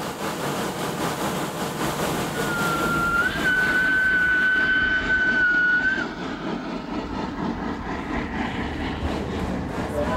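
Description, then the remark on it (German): A small mountain-railway locomotive climbs a steep 200-per-mille grade above the tree line at full power, a dense, steady roar of engine and rail noise, with a sustained high whistle sounding for a few seconds midway. “Noch einmal muss die Lok ihre volle Leistung geben.”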